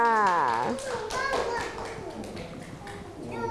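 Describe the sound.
A group of children clap their hands in a quick, scattered patter that runs for several seconds, with a voice speaking at the start and light chatter mixed underneath.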